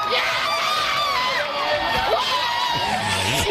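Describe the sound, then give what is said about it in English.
A large crowd watching a solar eclipse cheers and shouts continuously, a dense roar of many voices with higher excited yells and whoops rising above it, loud and steady throughout. “The crowd is willing it.”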